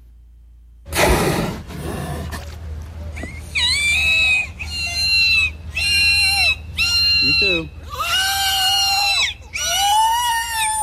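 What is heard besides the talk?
killer whale (orca) vocalizations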